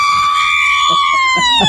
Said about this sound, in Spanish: A ver, un grito mexicano.